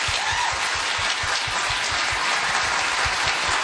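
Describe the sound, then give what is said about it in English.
A crowd applauds steadily, a dense wash of many hands clapping at a loud, even level throughout, with no voices standing out. “Big clap.”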